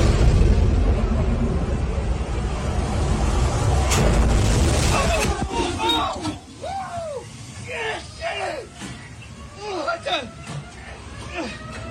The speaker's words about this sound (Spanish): Sangoloteó el barco de una manera impresionante. ¡Y cómo truena el cielo!